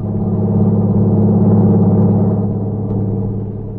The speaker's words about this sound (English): Then he saw the lights of a truck approaching. It passed him at high speed.